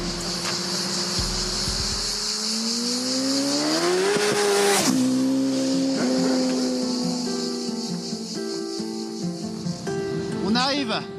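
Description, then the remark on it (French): A car engine roars under full-throttle acceleration from first gear on a short stretch of road closed off for the run, its pitch climbing steadily and dropping sharply at each gear change, with a loud continuous drone and a thin high whine over it. “Sur le petit bout de route qu'on a pu privatiser pour faire un run, pour voir si il y a moyen de mettre à fond ou pas.”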